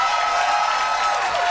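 An audience claps steadily, a dense, even wash of many hands with no pauses and no talking over it.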